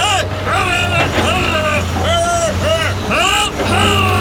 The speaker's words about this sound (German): Hitradio RT1 präsentiert Baustelle Deutsch. Der kleine Übersetzer für das, was auf einer Baustelle normalerweise im Lärm untergeht. Folge 5. Die Autobahnbaustelle.